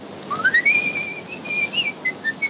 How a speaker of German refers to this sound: Fröhlich pfeifend macht sich Harry davon.